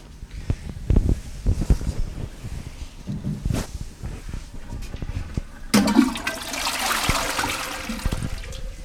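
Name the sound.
toilet flushing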